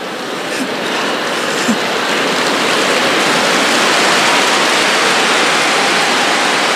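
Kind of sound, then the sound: crowd, audience clapping hands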